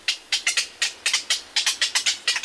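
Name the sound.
black-crowned night heron calls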